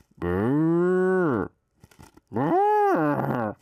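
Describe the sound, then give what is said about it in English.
A man's voice imitates a cow, letting out two long, loud, drawn-out moos separated by a short pause with a few breathy sounds. “This is my cow sound.”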